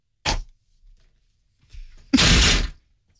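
A chair is kicked twice: a sharp thump, a brief pause with faint shuffling, then a louder, longer bang with a rattling, scraping tail.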